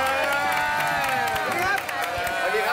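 A crowd applauds and cheers loudly to welcome a guest singer, dense clapping mixed with shouts and whoops that keep going at full volume for the whole stretch.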